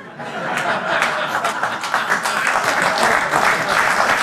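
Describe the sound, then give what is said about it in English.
A large audience breaks into sustained applause after a joke, dense steady clapping mixed with some laughter, loud and continuous for a few seconds with no one speaking. “Oh, he joke. Finally gets applause.”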